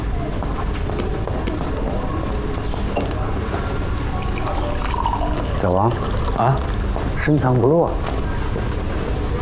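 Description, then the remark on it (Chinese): Water is poured steadily from a kettle into a cup, its gurgling tone rising as the cup fills, set against dense, continuous background noise and voices. “我给您倒杯水吧”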